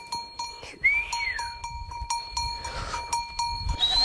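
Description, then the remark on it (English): A moving flock of sheep and goats on the northern Xizang Plateau in Tibet, over 4,500 meters above sea level. Their bells clank in an irregular, overlapping rhythm over soft shuffling. A young boy swinging a rope to guide the flock forward gives a rising-then-falling whistle near the start and another short whistle at the end. “A young boy whistles as he swings a rope, guiding the flock forward.”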